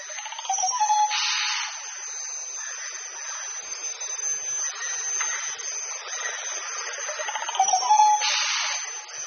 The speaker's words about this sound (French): Alors cet orchestre aussi, il est agrémenté par tous les insectes, puisqu'on est en milieu tropical, donc on se retrouve avec un certain nombre d'insectes, en particulier les moustiques.